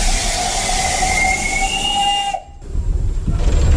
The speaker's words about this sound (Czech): Poprvé v životě jedu parní lokomotivou hned vedle strojvedoucího, je to všudy bylka, dopředu koukám malý okénkem. Jsme všudy bylce. Kdy ta mašina jezdila, kdy byla vyrobena? Vyrobena byla v roce 1925.